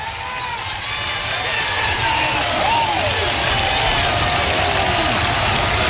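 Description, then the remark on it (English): A near-capacity stadium crowd at a Hawkeyes baseball game cheers steadily for about six seconds during a two-strike at-bat, a dense, loud roar with rising and falling shouts and whistles. The noise swells slightly partway through and holds. “The near capacity crowd getting into it.”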